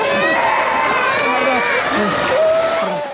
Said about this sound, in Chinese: 地震发生后不久，熊本县一家大型连锁超市开市客，有货物跌落到地上。照明系统无法完全正常运作。有小朋友受惊而哭泣。